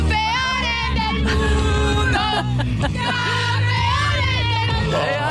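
A loud, dense crowd of fans, about 2 million people in the streets of Madrid, Spain, roars and cheers continuously as they welcome their world champions, with high shrieks and whoops rising over the steady babble of many voices.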